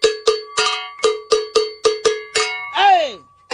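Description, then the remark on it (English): A low-pitched welded metal bell, a type made in high, medium and low pitches, is struck with a hammer about nine times in a steady, quick rhythm, each clang ringing briefly, ending in a longer note whose pitch bends downward. “Now this type of bell, they come in different, like high pitch, medium pitch, low pitch. You can hear how low this is.”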